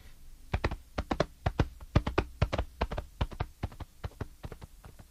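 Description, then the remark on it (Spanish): Quick, sharp hollow knocks in an irregular steady rhythm, like horse hooves clip-clopping at a trot as a rider sets off with a cape tied to the saddle, moderately loud with no voices. “Amarró la capa con todo y el tortugo adentro a su silla de montar y se fue a dejarla.”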